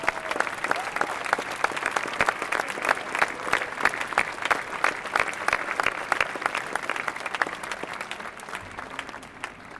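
Sustained applause from a sizable audience for the city's volunteer and professional firefighters at a city fire commemoration event, dense rapid clapping filling the whole stretch at steady strength before tapering slightly near the end, with no speech over it.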